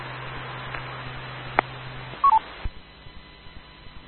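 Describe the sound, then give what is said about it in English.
A short, clear two-part electronic beep on a station's transmitted signal during an amateur radio net cuts through a hissy, band-limited radio channel with a low steady hum, followed by a sharp click and fainter static crackles. “Net Control, copy Alpha Echo 7 Mike Romeo, Alpha Echo 7 Mike Romeo, and somebody has a beep on their signal, 87MR.”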